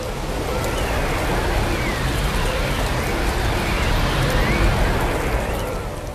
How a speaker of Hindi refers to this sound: आंधी चलने लगी।